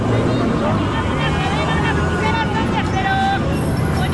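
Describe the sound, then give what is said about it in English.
A dense, steady wash of Mexico City street noise: engine rumble and passing traffic mixed with a crowd's murmuring voices and occasional higher calls, loud throughout. “Mexico City is already chaotic on a normal day. Lots of traffic, street vendors, the metro is crowded, and somebody somewhere is almost always protesting.”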